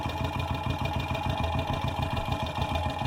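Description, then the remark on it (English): A motorcycle engine idles in steady, rapid pulses, picked up by a contact microphone pressed against the exhaust and moved along it from the back of the motorcycle to the front. The throb of hot gases in the muffler sounds dense, muffled and resonant, with a continuous metallic hum and no voices. “I'm moving it up the length of the exhaust from the back of the motorcycle up to the front.”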